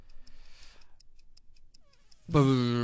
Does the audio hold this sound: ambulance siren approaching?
no